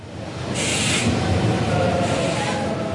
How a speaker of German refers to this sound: Mit einem ICE aus Leipzig, der am 26. Mai um 18.03 Uhr langsam auf Gleis 6 einfährt, ist er eröffnet, der Berliner Hauptbahnhof.